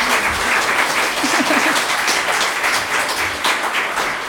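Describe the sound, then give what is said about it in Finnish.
A concert audience applauds the Sastamala drum angels group steadily near the end of a concert, dense overlapping claps at a strong, even level for several seconds, with a faint murmur of voices underneath. “Aplodit heille vielä.”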